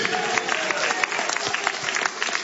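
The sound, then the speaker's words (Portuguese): A church audience claps loudly and steadily to praise God, a dense wash of overlapping hand claps with sharp individual cracks popping out, and faint voices mixed in beneath. “O nome deste Deus pode aplaudir bem forte, bem alegre.”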